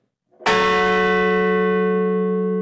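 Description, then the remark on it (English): A single deep memorial bell is struck once near Shanksville, Pennsylvania, at the site where United Airlines Flight 93 crashed into a field, its clear tone ringing out loudly and then sustaining with a long, slowly fading resonance. No voices are heard. “And near Shanksville in Pennsylvania, a memorial bell was rung and a wreath laid at the site where United Airlines Flight 93 crashed into a field”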